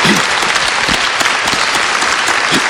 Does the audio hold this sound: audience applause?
yes